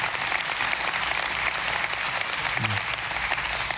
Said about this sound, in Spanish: Bueno, si quiere aplaudir, hágalo, hágalo. Pero hágalo de tal manera que se le caliente las manos.